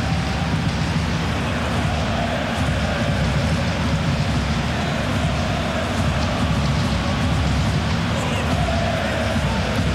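A stadium crowd at a football match applauds Mohamdi for not giving up and keeping possession of the ball: a dense, steady wash of clapping and crowd noise that holds at an even, loud level for about ten seconds, with no clear talk on top.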